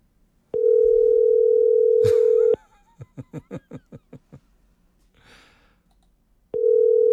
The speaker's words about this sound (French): Non, non, non, non, c'est pas notre téléphone. Ben non, il fonctionne, ça sonne. Ben oui. C'est juste à l'autre bout, ça répond pas.